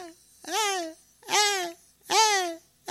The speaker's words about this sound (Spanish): al lado mis ñaños ahí están gritando, mis ñaños, mis ñañas ahí están gritando.